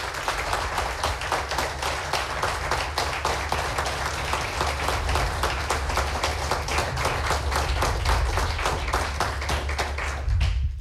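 Sustained audience applause given as a scoring and voting applause for a contestant, dense rapid clapping from many hands at steady loudness throughout, with a low rumble underneath and no talking.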